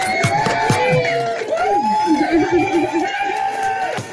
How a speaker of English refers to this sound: Wow, listen to all those crowds.